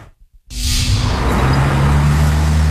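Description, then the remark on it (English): After a brief pause, loud traffic noise swells in, with cars rushing past and a steady engine rumble at a busy city intersection in Baltimore, no voices. “A busy intersection in the city of Baltimore. Cars zipping by may not know they're being watched.”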